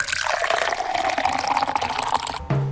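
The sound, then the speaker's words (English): Coffee pours steadily into a cup for a couple of seconds, fairly loud, its splashing pitch rising slightly as the cup fills before stopping abruptly. “Pour the coffee, grab the toast.”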